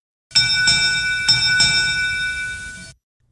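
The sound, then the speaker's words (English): A bright, metallic derby bell marking the start of the 81st Striped Bass and Bluefish Derby is struck four times in two quick pairs, its clear ringing tones overlapping and sustaining loudly before fading out, with no voices. “that's our Derby Bell, because the 81st edition of the Striped Bass and Bluefish Derby kicked off yesterday morning”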